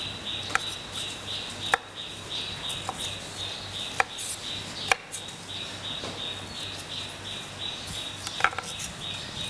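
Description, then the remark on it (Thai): A knife chops blanched broccoli into bite-size pieces on a cutting board in a handful of sharp, unevenly spaced, crisp strokes, over a steady background hiss with a faint insect-like buzz. “ก็ลวกเช่นเดียวกันนะคะต้มน้ำลวกให้สุกนะคะก็หั่นชิ้นพอคำนะคะ”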